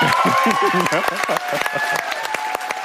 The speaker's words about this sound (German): Großer Jubel brach sich im Klagenfurter ORF-Landestheater Bahn bei Bekanntgabe des mit 30.000 Euro dotierten Ingeborg-Bachmann-Preises